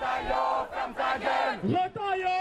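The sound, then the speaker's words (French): A group of high school students arriving at a demonstration at Place du Châtelet in Paris shouts and chants together in loud, ragged bursts, several rising and falling yells overlapping with a crowd-like roar behind them. “Là, on commence à voir des lycéens arriver, même des cris de lycéens.”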